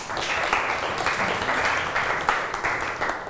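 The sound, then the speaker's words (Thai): A group of students in a maths lesson applauding themselves, a steady dense patter of many hands clapping at once for about three seconds with no talking over it. “ปรบมือให้ตัวเองหน่อยครับ”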